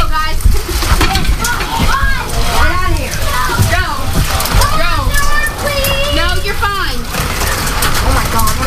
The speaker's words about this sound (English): Here, open your hand. Dime-sized hail. Wow. Yes. It is dime-sized. I have two pieces of dime-sized in my hand.